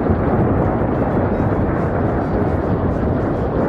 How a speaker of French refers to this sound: Les nuages sont tout noirs et on entend le tonnerre, les éclairs.